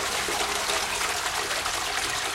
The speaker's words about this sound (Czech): No ne, tak jako klasický zvuk známe záchodu je tohle.